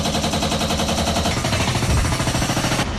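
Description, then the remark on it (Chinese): Loud construction noise at the Huadian Heating Group heating pipe network renovation site at Zhaiying Street and Yuejing Road, Shijiazhuang, where workers are laying pipes: a rapid, continuous mechanical rattling like pneumatic drilling hammers away steadily, with no voices, shifting slightly in tone near the end. “我现在是在石家庄市翟英大街跟月经路交叉口，这里呢也是华电供热集团供热管网改造工程施工现场，工人们正在铺设管网，加紧施工。”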